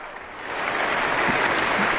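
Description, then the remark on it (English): A standing concert audience applauds conductor Rafael Payare and the Aspen Festival Orchestra after Prokofiev's Symphony No. 5. The dense, steady wash of clapping swells louder after the first half second, with scattered cheers mixed into the noise. “The audience has leapt to its feet, warmly applauding and cheering Rafael Payare and the orchestra.”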